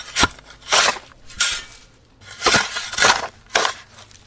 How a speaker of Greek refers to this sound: Εμένα πάντως μου ακούγεται σαν φτιάρι που σκάβει. Αυτό ακριβώς είναι. Και αυτό είναι. Ναι, η σωστή απάντηση. Να το. Φτιαρίζει το χώμα, okay. Το ρίχνει μέσα.